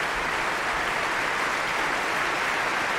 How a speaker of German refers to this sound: Und hier gibt es großen Applaus gerade für die Trompeter und die Bläser des Deutschen Symphonieorchesters, die jetzt nochmal alle aufstehen lässt.